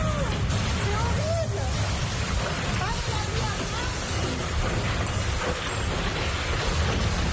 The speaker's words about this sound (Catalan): Això que sentiu és un tornado. Un tornado a prop de Carcassona, al sud de França, ben a prop de la frontera amb Catalunya, va deixar almenys 41 persones ferides, algunes d'elles fins i tot van ser hospitalitzades,